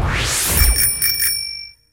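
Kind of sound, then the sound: signal or alarm, bicycle bell ringing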